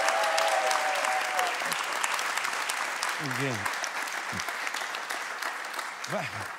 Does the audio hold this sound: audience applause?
yes